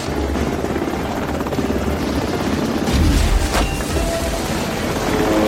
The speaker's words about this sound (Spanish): Un helicóptero dispara un bote de gas a través de la ventana. Lanza un segundo bote, que llena la habitación de humo blanco.